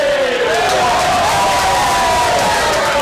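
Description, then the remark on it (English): A loud stadium crowd at a match between Workington and Dewsbury roars in reaction to play, a dense wash of many voices with rising and falling shouts and whistles, sustained for a few seconds without a break. “Well, you can hear the crowd agree with that as well.”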